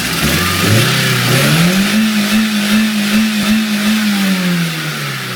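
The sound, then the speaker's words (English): A car engine with cheese put in its engine block revs loudly, its pitch climbing and then holding at a strained, steady roar before sagging slightly at the end. No one speaks. “I play one on the radio, but I don't need a degree in mechanics to understand that putting cheese in an engine block will not end well. And this is how it ended.”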